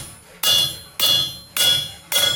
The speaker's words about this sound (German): Jetzt musst du es noch ausrichten auf der Richtplatte. Ja. Das heißt, du legst es hier auf und haust einmal ordentlich mit dem Hämmerchen drauf.